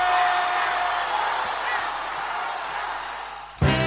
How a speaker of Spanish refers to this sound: aplauso para a gente.